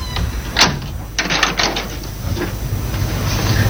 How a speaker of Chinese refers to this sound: 你关门干什么呀？